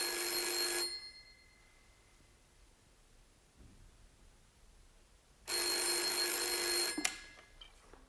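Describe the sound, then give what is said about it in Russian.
A telephone in a busy office reception rings twice with loud, sustained electric bell trills separated by a few seconds of quiet. The second ring is cut off abruptly as a secretary picks up the receiver. “Девушка-секретарша, взвинченная царящим вокруг бедламом, нервно отвечает на телефонные звонки.”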